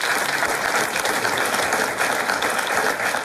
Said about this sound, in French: Ça, oui, on peut vous applaudir, bien sûr.